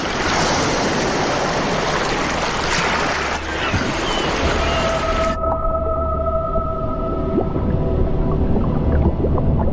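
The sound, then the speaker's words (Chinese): Beluga whales in Arctic coastal waters in summer vocalize with high, thin whistles and squeals, some drawn out as steady tones, over a constant loud wash of underwater noise. No one speaks. “在这个温暖的季节，白鲸经常在沿海游弋，除了觅食，它们还会在岩石上摩擦皮肤，借此清除寄生虫。”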